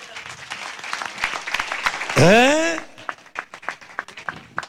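An audience applauds the Lord with dense, steady clapping throughout, and a loud rising whoop or cheer from someone in the crowd breaks out briefly in the middle.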